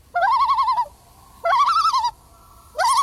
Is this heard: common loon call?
yes